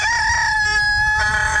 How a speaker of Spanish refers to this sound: Le estoy colocando de todas las alarmas posibles. El gallito, para que se levante.